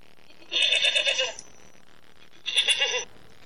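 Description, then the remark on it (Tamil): A sheep bleats twice, loud and close: a long wavering cry, a short pause, then a second shorter bleat, with no talking. “சாதாரண செம்மறி ஆட்டு இனத்துக்கு இவ்வளோ பெரிய விசேடித்த இயல்பையும் பண்பையும் தேவன் வைத்து சிறப்பாக படைத்திருக்கிறார்.”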